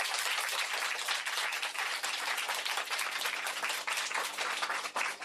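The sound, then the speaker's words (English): A classroom round of applause for a pupil's correct answer to a grammar quiz question: many hands clapping quickly and steadily, a loud, dense, crackling burst that holds level for about five seconds with no voices over it. “A round of applause.”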